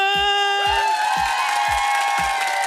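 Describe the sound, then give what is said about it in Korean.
An audience claps together in a steady unison rhythm, about five beats at an even pace, over a loud, sustained cheering tone from the crowd. “아이, 다 같이 치니까 박수는 건강에 좋아요.”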